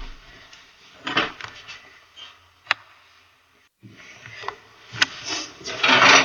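Drawers slide open and shut with scraping, rubbing noises. Each of two bursts, split by a short quiet gap, ends in a sharp knock.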